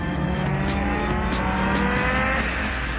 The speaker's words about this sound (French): Par contre, quand ça part, ça part. Hein. Quand le turbo il se met en route, on peut vous dire que les 470 chevaux, ils sont bien là. Franchement, l'auto, elle a 30 ans.